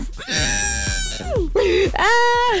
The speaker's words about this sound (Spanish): Matchers, ustedes dirán por qué grité de dolor, y es que en estos instantes la hormiga González ya está en Grecia